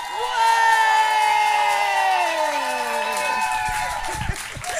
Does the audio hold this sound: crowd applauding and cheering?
yes